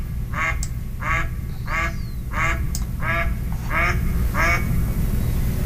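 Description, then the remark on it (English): A male mallard gives a run of about seven low, reedy quacks at a steady rhythm over a constant low rumble of background noise. “It's kind of a reedy, lower sound. So I think this last one is probably a male mallard, the first one with the female.”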